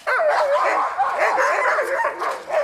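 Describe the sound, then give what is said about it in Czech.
A chorus of sled dogs barks and yips without pause, overlapping high-pitched cries and whines forming a loud, excited, continuous din with no one speaking. The dogs are about to be put into harnesses and hitched to lines before setting off. “A teď psi je potřeba ještě oblíkat do postrojů. Až ty psi oblíkneme, zapřáhnou se na lana a vyrazíme.”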